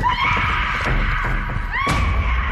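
Children on a path leading to a cave scream in terror, shrill and sustained, several voices overlapping loudly, with a couple of dull thumps breaking through the piercing wails.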